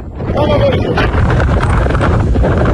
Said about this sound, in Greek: Άγιος Παύλος! Σε ένα άλλο παραλιακό οικισμό στον Άγιο Παύλο, σκάφη του λιμενικού απομακρύνουν κατοίκους που έχουν εγκλωβιστεί κοντά στη φωτιά.